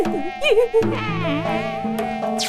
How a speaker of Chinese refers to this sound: 是蚊子的声音。 哈，是你！ 我们明明听到蚊子的嗡嗡声。 你没听错，蚊子就在我旁边。